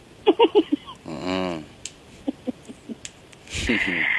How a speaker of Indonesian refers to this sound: Barusan ngarok. Iya, ngorok.